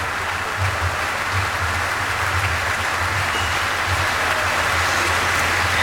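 A large standing concert audience applauds continuously as conductor Charles Dutoit and pianist Martha Argerich take their bows, a dense, steady wash of clapping that stays loud and even throughout, with no voices breaking through.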